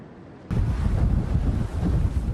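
Rough ocean waves at sea after midnight, during night-time hairtail fishing, churn in a loud, steady roar with a heavy low rumble like wind buffeting. The roar cuts in abruptly after a brief quieter moment and continues without any voices.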